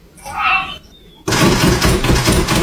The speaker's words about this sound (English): So here's the final stage of Jeff's master plan to get us up and take him out for a walk. Listen to the end here. When I say he speed bags that door handle, he really does.